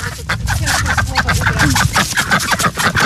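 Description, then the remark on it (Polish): Ducks quack repeatedly at a small pond in a busy, fairly loud chorus of short nasal calls that overlap without pause, with splashing and other bird noise. “Ptaszysko widać tylko kuper tej kaczki. I coś sprawdza na dnie.”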